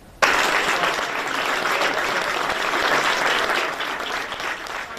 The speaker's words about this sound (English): Andy Burnham and his wife stepped inside their new home, number 10 Downing Street, to loud applause earlier.